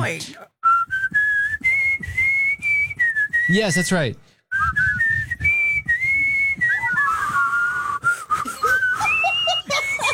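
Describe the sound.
Someone whistles a tune up close, the clear melody gliding between sustained notes with a brief pause midway, and a short spoken phrase briefly interrupts.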